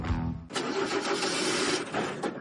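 A car engine cranks with a low, stuttering churn for half a second, then catches and roars into a loud, steady rumble, with no voices.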